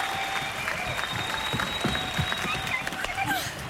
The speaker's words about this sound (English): Everyone is happy, cheering, all good.